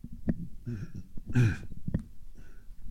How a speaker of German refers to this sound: Musste mich räuspern, Entschuldigung.